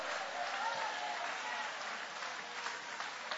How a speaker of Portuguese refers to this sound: Pode tomar o assento, guarda a Bíblia com carinho e aplaude a Deus também com alegria. Aplaude ao Senhor, dai glórias ao nome dEle.